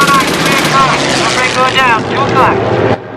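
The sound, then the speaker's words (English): A German fighter plane's engine roars loud, its droning pitch wavering as it heads straight for the Memphis Belle, with voices speaking over the noise before it cuts off abruptly. “A German plane is heading straight for the Memphis Belle.”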